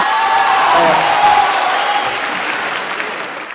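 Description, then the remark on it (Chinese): Steady, loud applause from an audience, serving as the score in a contest of riddles about Liaoning food, fills the whole stretch, a dense crackle of clapping that holds level and then eases slightly toward the end, with no one speaking over it. “观众的掌声就是分数。”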